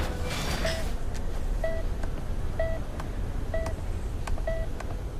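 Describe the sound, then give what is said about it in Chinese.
A phone rings for an incoming call: five short, mid-pitched electronic beeps repeat about once a second over a steady rushing background noise. No one speaks. “小娥电话。”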